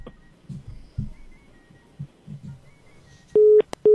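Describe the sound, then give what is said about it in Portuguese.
Muffled low thumps and faint rustling give way to a dropped call's busy tone: loud, steady mid-pitched beeps, one longer tone followed by a short break and another. “Caiu o Mogli. Caiu o Mogli, o menino lobo.”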